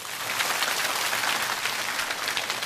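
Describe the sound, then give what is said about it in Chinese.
A classroom of students claps together in a steady, dense burst of applause for themselves after reading a poem aloud for the first time; the applause stays even throughout, with no voices heard over it. “据我所知，咱们班相当多的同学是第一次读这首诗，第一遍就能读得这么好，掌声送给自己。”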